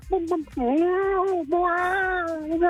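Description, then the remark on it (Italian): A person's voice imitates a hen in heat, producing a long, wavering, cat-like yowl that rises and dips, broken by a brief pause and a few short vocal bursts. “No, fammi adesso la gallina in calore.”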